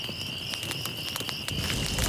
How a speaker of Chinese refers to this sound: 来来，把篝火燃起来！